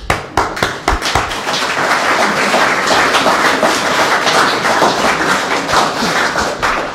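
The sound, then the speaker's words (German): An audience at a youth day (Jugendtag) breaks into applause as thanks to the organizers, starting with a few sharp separate claps that quickly swell into a dense, steady wash of clapping lasting several seconds before thinning slightly at the end. “Danke, Beifall.”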